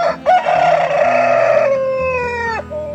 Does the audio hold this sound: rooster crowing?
yes